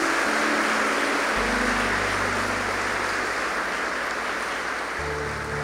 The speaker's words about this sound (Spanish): Denle un aplauso a nuestro Salvador.